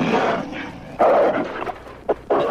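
A dog snarls and growls viciously in loud bursts, with a sustained rough growl followed by short, sharp snaps and snarls, as it hurls itself in rage upon the master of the castle.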